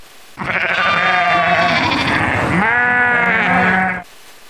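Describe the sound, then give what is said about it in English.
Sheep on a farm that keeps four sheep bleat loudly, a long wavering, quavering cry that runs for several seconds, with no talking over it. “How many sheep do you have? I have 4 sheep.”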